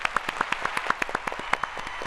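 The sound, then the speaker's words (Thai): Applause from a group, many hands clapping in a quick, uneven patter of sharp claps that keeps a steady moderate loudness throughout, with no voices over it. “ข้อนี้ตอบไม่ถูกค่ะเอาเสียงตบมือไปก่อนค่ะ”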